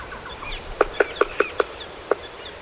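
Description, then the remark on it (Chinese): An Argentine woodpecker, South America's largest woodpecker, knocks on wood high in the tall tree canopy of a forest in Chile as the weather warms; a male with a deep red crest drums with his mate nearby: five sharp, evenly spaced taps in a quick steady rhythm, then a short pause and one last tap, with a quiet background hiss. “这哒哒哒的敲击声是南美最大的啄木鸟——阿根廷啄木鸟的节奏狂想曲。”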